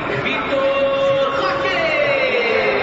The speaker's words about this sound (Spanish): Mirá, es la ovación para el Flaco López.